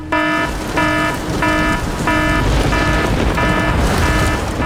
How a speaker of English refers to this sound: So earlier we asked you to let us know if it is raining where you are so that we can sound the rain alarm.